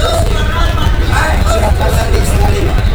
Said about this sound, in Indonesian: Hiruk pikuk para penumpang dan kendaraan bus ini terjadi di Terminal Purabaya, Surabaya. Di pusat moda transportasi massal yang terbesar se-Asia Tenggara ini, ratusan bus setiap hari keluar masuk terminal mengantar para penumpang ke tempat tujuan.